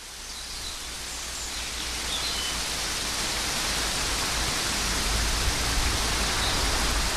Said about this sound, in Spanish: Bueno, pues esto era cómo estaba lloviendo a las 12 del mediodía en el concejo de Manurga.